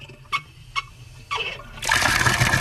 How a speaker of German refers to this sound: Hahn aufdrehen, Wasser fließt.